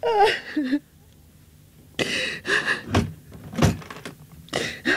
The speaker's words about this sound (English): Oh, sit down there. Just wait till I close the door.